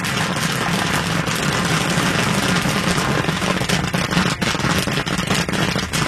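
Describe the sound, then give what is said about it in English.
Kettle corn made from oil, corn and sugar pops and crackles in a dense, irregular patter over a steady low roar from the burner beneath the kettle at a festival in Chagrin Falls. It runs continuously, with no voices. “Firing up the kettle at a festival in Chagrin Falls. Oil, then corn, and then sugar, and that's all it is.”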